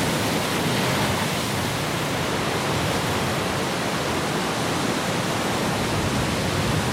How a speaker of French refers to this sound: Une grosse houle, une tempête, une vague qui claque et qui s'engouffre dans la bise de la roche, faisant péter l'écume. Ah, quelle est belle cette côte bretonne quand elle se déchaîne.